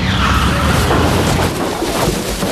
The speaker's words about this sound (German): Oh, Feuer, was war das denn? Ein Auto! Es ist hinter uns hergefahren! Und in den Heuwagen gekracht! Meine Güte! Das ganze Heu ist auf das Auto gerutscht!